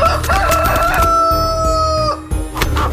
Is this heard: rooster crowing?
yes